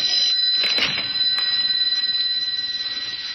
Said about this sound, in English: Yes, it's the only phone in the room. But we're just imagining, huh? Pick it up and find out. It sounds like a phone.